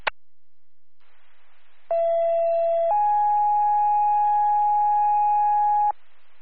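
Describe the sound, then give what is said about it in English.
Second fire dispatch alert tones for Hancock Fire, calling a lift assist in the Village of Hancock: a steady, buzzy tone lasting about a second jumps straight to a slightly higher tone held for three seconds, loud and alone over faint radio hiss after a click. “Hancock Fire, second tones, need your response.”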